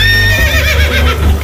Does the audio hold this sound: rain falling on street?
no